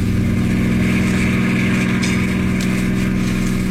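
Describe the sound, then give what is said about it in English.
A steady, loud engine drone with a low harmonic hum from a car driving back after picking up a child from summer camp, continuous for the whole few seconds with no voices. “so I went up to get him, and we were driving back in the car.”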